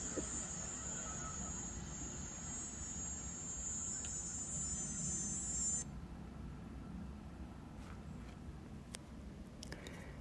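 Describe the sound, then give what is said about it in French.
A steady, shrill drone of cicadas fills the air for several seconds, then cuts off, while the low engine hum of a lawnmower runs faintly throughout. “Tondeuse et cigale en accord.”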